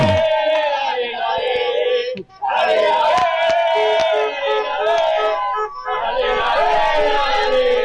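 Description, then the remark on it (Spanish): A dense crowd of Talleres fans celebrating a championship in the centre of Río Gallegos chants and cheers together in a sustained, loud roar, with a brief dip in the noise partway through before the celebratory shouting surges back. “Bueno amigos, que están los festejos de verano campeón.”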